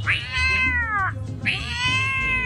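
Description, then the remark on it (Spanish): A man's voice imitates a cat yowling in a fight between a dog and a cat: two long, wavering, drawn-out cries, each sliding downward at the end, loud, with a short pause between them. “La pelea de un perro con un gato cuando el gato se siente solo.”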